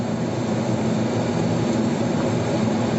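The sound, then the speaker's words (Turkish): A steady, droning mechanical whir hums continuously, with strong low tones and a broad buzzing hiss above, from a drone's rotors in flight, launched by a shepherd to drive brown bears away from his cattle grazing in a forest pasture. No one speaks. “Çoban ayıları uzaklaştırmak için yanında bulunan drone'u havalandırdı.”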